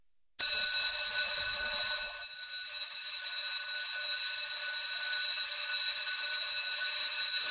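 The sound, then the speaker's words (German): A loud electric school bell rings continuously for several seconds through Nidwalden classrooms, a harsh, steady metallic clang with no pauses, heard on its own with no voices. “Wenn die Glocken im August also wieder durch die Nidwaldner Schulzimmer dröhnt, heisst es für die Schüler wieder Handy weg.”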